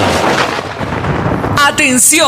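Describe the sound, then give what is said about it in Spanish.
A loud thunder clap sound effect in an advertisement for Voltaje Trueno in Ecuador crackles and rumbles for about a second and a half, then gives way to a brief tonal, voice-like sound with rising and falling pitch. “Llegó a Ecuador voltaje trueno. Voltaje trueno.”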